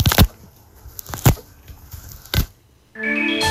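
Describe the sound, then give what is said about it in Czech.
A ziplock bag's zipper is pulled three times, each a short crackly rasp with pauses between, followed by a loud, steady buzzing tone at the end. “Zkusil bych takovou jednoduchou věc, jako je sáček, s takovým tím uzavíratelným závěrem, takovým tím zipem.”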